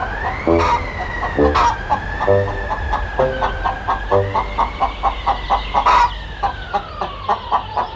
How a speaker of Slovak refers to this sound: Čo to? Dobre som počul. Ale kde sa tu v noci nabrala sliepka?